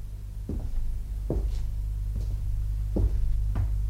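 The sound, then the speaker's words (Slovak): A door opens by itself with a series of about five dull wooden clunks at uneven intervals, over a steady low rumbling hum, with no voices. “Zasa dvere?”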